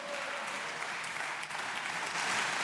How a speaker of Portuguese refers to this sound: Intervenção curta, mas merecer aplauso de pé por parte dos deputados do Chega.